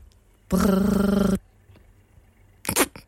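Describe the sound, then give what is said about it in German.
A voice imitates an old analog telephone ringing at low volume: one steady, buzzing rolled trill lasting under a second, then silence and a brief, short vocal sound. “Ich kann ein leise gestelltes analoges Telefon nachmachen.”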